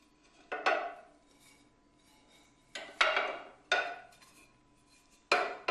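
A sculptor sets together a four-piece plaster casting mold for a small model: two large back and front pieces and two side pieces. It gives several sharp, hard clacks and knocks, some in quick pairs, spaced irregularly with quiet gaps between. No one speaks.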